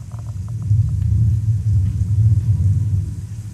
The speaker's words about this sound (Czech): Takže tady si i návštěvník přepíná, co chce. Může si vlastně sám, když prostě si a to chce. A můžu ještě poprosit třeba o bouři, pětka. Pětka bouře.